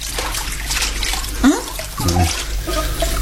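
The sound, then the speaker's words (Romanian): Dishes being washed under a steadily running tap, a constant hiss of water with a sharp clink partway through and a short muffled voice briefly underneath. “La ora asta speli tu vasele?”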